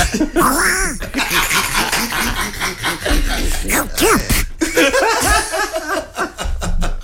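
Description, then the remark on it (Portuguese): A nasal, squawking cartoon duck-style voice chatters in quick bursts, with laughter mixed in, loud throughout. A voice imitating a duck's quack, likened to Donald Duck. “Queres ouvir outra vez? Pato Donald Trump.”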